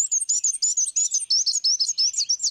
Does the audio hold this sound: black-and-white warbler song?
yes